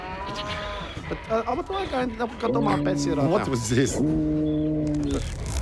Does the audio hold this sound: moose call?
yes